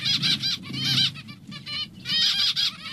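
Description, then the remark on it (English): A flock of zebra finches calls in a dense, overlapping chorus of nasal chirps and beeps that comes in bursts, loud, over a low rustling rumble. “And one of the sounds that you really should be listening out for if you're doing any hiking at all is zebra finches, because they lead you to water, is my memory.”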